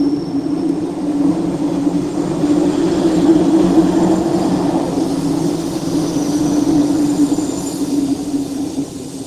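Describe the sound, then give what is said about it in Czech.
A train rolls steadily along the rails on the way to Šumava, a continuous low rumble with a droning hum and faint rhythmic clatter, loud and unbroken throughout with no voices. “Velmi rád jsem tudy jezdil s tím vlakem”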